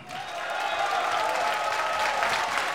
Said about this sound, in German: Ihr Applaus.